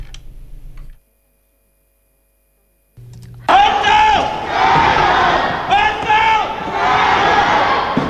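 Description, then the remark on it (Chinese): After a low hum and a few seconds of silence, a loud crowd of volunteers at a flood relief supply transfer point in Hengzhou bursts into rhythmic unison chanting of "Hengzhou, jiayou" and cheering, with steady clapping after unloading supply trucks running underneath until the end. “一声声衡州加油的呼喊，一阵阵卸完货的掌声，成为抗洪救灾一线动听的声音。”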